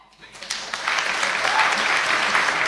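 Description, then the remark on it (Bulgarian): Audience applause for children of the National School of Folk Arts in Shiroka Laka after their song swells from a few scattered claps into steady, dense clapping that holds at a loud, even level until the end. “Аплодисменти за тези прекрасни слънчеви деца от Национално училище по фолклорни изкуства Широка лъка.”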